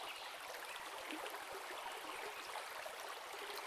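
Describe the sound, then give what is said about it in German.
River water flows steadily with a continuous rushing, gurgling texture, unbroken for the whole stretch, with mist drifting over it. No voices are heard. “Es fließt, unaufhörlich, und Nebel tanzen darüber hin.”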